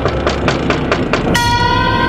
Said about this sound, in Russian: В самую эту минуту кто-то постучался в окно.